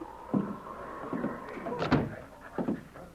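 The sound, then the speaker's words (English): The door to Broderick's office in his cafe is opened by a Mountie, Sergeant Preston, with a few knocks and thumps and a thin, drawn-out creak, ending in a firmer bump as it swings. “He strode through the long bar room, looking neither to the right nor left, and opened the door to Broderick's office.”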